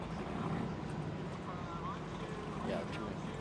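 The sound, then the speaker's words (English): A powerful offshore powerboat engine roars in a steady, heavy drone across the whole stretch, loud and constant without a clear approach or fade, with muffled voices faintly underneath. “Now, this is an American Offshore, and I think it's a 30.”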